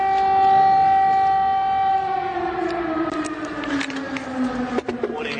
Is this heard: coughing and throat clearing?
no